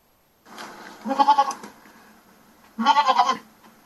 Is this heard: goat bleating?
yes